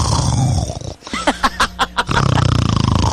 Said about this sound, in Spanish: Sí, el rugido.